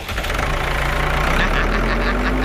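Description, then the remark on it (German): A tractor engine runs steadily at a low, chugging idle, loud, with a slight shift in its drone partway through and no one speaking. “Na, kannst du mal den Grubber ankoppeln, sag mal?”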